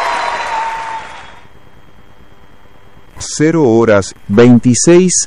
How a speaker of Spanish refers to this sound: Aplausos, aplausos.